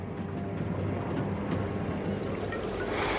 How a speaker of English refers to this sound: We are truly at sea now, our bearings lost. Time is becoming meaningless. I lie on my bunk and listen to the engine and the water.